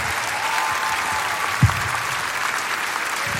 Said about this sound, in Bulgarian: Затова аплодисменти за Бега Радио, дами и господа.